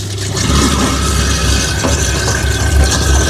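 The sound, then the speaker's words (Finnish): A food waste grinder mill runs with cold water flowing as bio-waste is pushed into it with a spatula, giving a loud, continuous mechanical drone with a deep low hum and a rough, scraping grind over it, with no voices. “ja pitkälti sujuu niin, että laitetaan kylmää vettä sinne, laitetaan masina pyörimään ja mulla on tällainen oma spatula, mikä ikinä tää nyt suomeksi onkaan, niin tällä tungen näitä biojätteitä sitten tonne myllyyn.”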